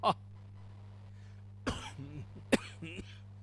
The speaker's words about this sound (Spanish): ¿Escucharon? Y a mí me agarró la tos.